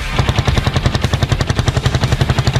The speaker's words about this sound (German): Mit dem Duft sowie dem Sound vieler Zweitaktmotoren wurden die Leute begrüßt.